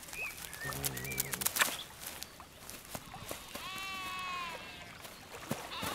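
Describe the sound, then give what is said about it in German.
Sheep that graze the old cultivated land at the Hirtenberg bleat in a couple of wavering calls, one deep and one higher and longer, over an outdoor background with a few chirping birds and light rustling. “Das alte Kulturland am Hirtenberg wird von Schafen gepflegt.”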